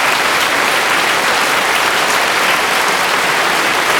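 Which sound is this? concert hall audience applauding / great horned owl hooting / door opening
concert hall audience applauding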